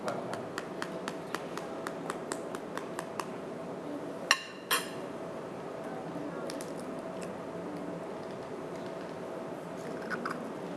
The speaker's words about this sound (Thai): หลังจากนั้นนะครับใช้ช้อนนะครับตอกไข่เลยครับระวังนะครับอย่าให้เปลือกไข่นั้นนะครับตกลงไปนะครับค่อยๆนะครับ